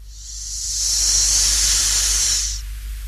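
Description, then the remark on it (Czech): A steady, airy hiss of a thin stream of steam escaping through a narrow crack of a small chest, swelling up over about a second, holding for a moment, then cutting off, with a low rumble underneath. “Jenom tenkej pramínek páry, co se prodírá ze škvíry.”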